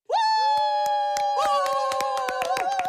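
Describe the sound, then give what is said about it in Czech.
A stadium crowd cheers and claps at a hammer throw: scattered sharp hand claps ring out over a sustained, high-pitched whooping cheer, loud, lasting the whole few seconds without any spoken words. “Kovář si plivl do dlaní, zatočil se a mrsknul kladivem tak mocně, že obecenstvo propuklo v jásot.”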